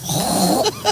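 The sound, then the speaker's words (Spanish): A woman on Basque regional television (ETV) imitates a pig with a continuous nasal, snorting grunt lasting about a second, ending in two short squealing snorts; no words are spoken. “Un cerdo.”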